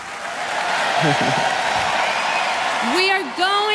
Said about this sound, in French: Voilà, on est tous unis par la musique, bien entendu. Et ça s'applaudit car c'est vrai que c'est une belle unité autour de la musique.